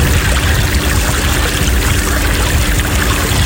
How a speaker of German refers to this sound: Das ist, Achtung, hört sie hinten so ein bisschen, man fährt ja nicht schnell mit so einem ausgeliehenen Motorboot.